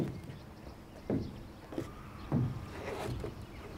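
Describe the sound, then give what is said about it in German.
A small boat being untied and pushed off: four dull wooden knocks and creaks about a second apart, over a low watery rumble, with no one talking. “So, jetzt machst du mal das Boot los, bitte.”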